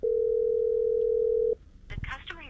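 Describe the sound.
A steady, loud telephone tone of an unanswered call, made by a man in Moscow, holds for about a second and a half, then cuts off abruptly, and a voice begins talking right after.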